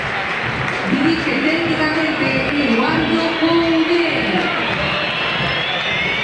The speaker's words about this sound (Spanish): Ahora. Se lo van a aplaudir. Y ahora entonces. Es aplauso. Sí, sí, para Borré, sí.